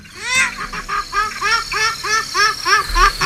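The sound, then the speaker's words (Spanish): A purple swamphen gives a rapid series of loud, nasal, honking calls, repeated about nine times in a steady rhythm, clear with no voices. “Pues exactamente, el gallo azul, el calamón.”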